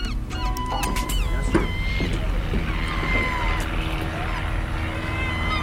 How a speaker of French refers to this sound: Alors, il y a quelques avions qui nous survolent, normal. Il y a un petit aéroclub ici, nous vole souvent.